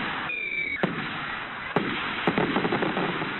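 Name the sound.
fireworks exploding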